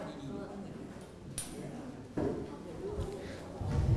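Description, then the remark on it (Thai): A classroom of students clapping for a classmate who answered the teacher's question, a loose scattered patter of hands with a few sharper claps standing out, growing a little fuller toward the end. “โอเคปรบมือเพื่อนหน่อยครับเดินทางไปต่างจังหวัดไปหาครอบครัวคนอื่นแล้วครับลูก”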